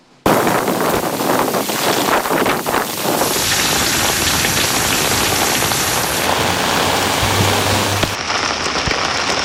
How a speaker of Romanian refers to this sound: Un taifun a adus cantități record de precipitații pe coasta de est a Japoniei și a produs inundații și alunecări de teren